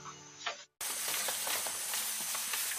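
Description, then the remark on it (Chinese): Xifeng beef, freshly mixed with a secret seasoning, sizzles in an aluminum pan, a steady crackling hiss with small pops, starting right after a brief tonal sound and a moment of silence. “现吃现拌是大橘做铝盆煎肉的原则，拥有松弛感的牛肉更滑嫩，适量的油可以将牛肉和秘制调料的香浓牢牢封锁”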